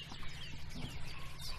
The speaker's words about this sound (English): The wren, isn't it? It was a wren, wasn't it?